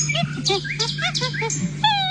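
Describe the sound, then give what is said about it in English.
A rapid run of high, wavering chimpanzee calls, rising and falling in quick succession, with chirping birds in the background and a steady low hum underneath. “Monkey. Well done. More specifically, chimpanzee.”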